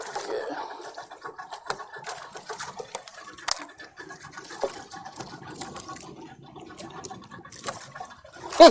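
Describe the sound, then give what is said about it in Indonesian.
Sea water pours and splashes for several seconds in an uneven, gurgling stream, used for ablution (wudu) before prayer, with small knocks and clatters mixed in and a louder splash at the very end. “Ngapain air itu dipakai? Tempat wudhu. Ini air laut banyak.”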